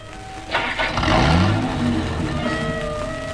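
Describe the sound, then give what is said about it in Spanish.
A car engine turns over and revs up, its pitch rising as the car resumes moving, then settles into a steady hum. Fairly loud, with no voices. “El auto reanuda la marcha.”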